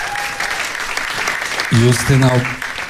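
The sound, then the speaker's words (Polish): An audience at a concert claps steadily the whole time for a fan in the hall, a dense, even patter of many hands, and partway through a voice calls out loudly over the applause. “Wielkie brawa dla niej.”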